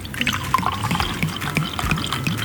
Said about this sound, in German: Deswegen hat sie eine Flasche neuen Süßen mit in die Redaktion gebracht für den wichtigsten Schritt überhaupt, das Probieren. Und jetzt schenken wir ein, das erste Glas neuen Süßen dieses Jahr.